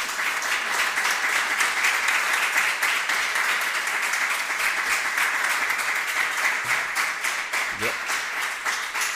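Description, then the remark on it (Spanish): A large audience at a folk music festival claps steadily and loudly for several seconds, a dense, continuous wash of applause that holds its intensity from start to finish. “Un fuerte aplauso para vosotros.”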